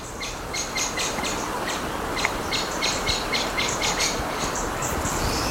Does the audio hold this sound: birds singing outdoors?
yes